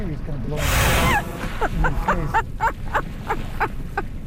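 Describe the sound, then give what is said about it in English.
Whales surface right beside a boat and one blows through its blowhole, a single loud, breathy whoosh lasting about half a second, followed by a run of short, rising vocal sounds over low water and engine rumble. “The whales surface. They blow what Jim calls whale spit onto both of us.”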